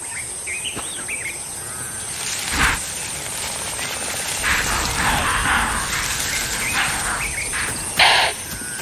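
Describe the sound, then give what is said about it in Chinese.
An impala's alarm calls, which wake a napping lion pride: sharp, harsh snorting bursts break out twice over steady wild background noise, with a few thin high chirps scattered between them. “现在不是狮子捕猎的理想时间，可是高脚铃示警的叫声吵醒了他们。”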